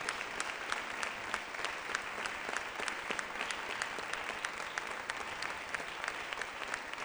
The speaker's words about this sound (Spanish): Démosle un fuerte aplauso al Rey.